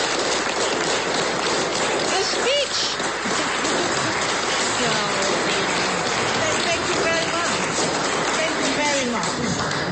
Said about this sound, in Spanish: Escuchemos brevemente a Navi Pillay, ganadora del Nobel de la Paz, que es ovacionada en las instalaciones de donde se encontraba con muchos, muchos aplausos.